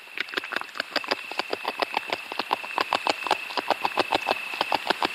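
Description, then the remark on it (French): A beaver gnawing wood: a quick, steady run of crisp scraping bites, several per second, with a thin continuous high whine in the background and no voices. “Alors, on entend un mammifère qui est en train de ronger du bois, donc on peut imaginer que c'est le castor.”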